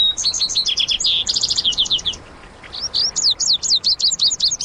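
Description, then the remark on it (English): Songbirds sing in two bright bouts of rapid, high trilling and whistled notes, like vesper sparrow and western meadowlark songs, clear, with a brief pause between phrases and no voices, in a brushy canyon of the American West. “Where the lazuli bunting sings, you'll often hear the music of vesper sparrows and western meadowlarks.”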